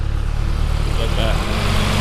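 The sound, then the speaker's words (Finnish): A tractor's low diesel rumble drones steadily through the whole clip, a deep, continuous engine hum that swells slightly toward the end as it goes by on the village road in Tiistenjoki. “kun olemme tässä Tiistenjoen raitilla, josta muuten ihan kohta tulee raktori sekä koiraulkoiluttaja.”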